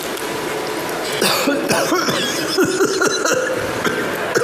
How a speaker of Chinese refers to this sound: 就一咳嗽就有血？ 对呀、 啊， 做一个表演。